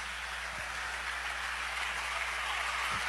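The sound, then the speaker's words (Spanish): A church audience applauding in praise of Christ, a dense, steady wash of many hands clapping together that holds evenly throughout, with no voices rising above it. “Dale a Él ese fuerte aplauso porque Él ha sido todo para con nosotros.”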